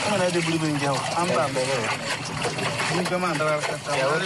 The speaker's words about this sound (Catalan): sents aquesta aigua? Sí. Pots imaginar el que és en una mina d'or? Clar, no sé si és que passa un riu per allà o es necessita per anar netejant la pedra o què és això? Molt bé, exactament. Es necessita per netejar